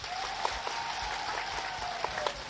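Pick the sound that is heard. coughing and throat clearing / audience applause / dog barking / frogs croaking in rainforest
audience applause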